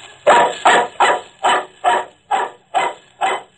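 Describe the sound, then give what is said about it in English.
A dog named Brownie barks eight times in a ransacked living room, in a steady, evenly spaced rhythm, each bark loud, with no voices in the background. “The dog put his feet up on my shoulder and licked my face.”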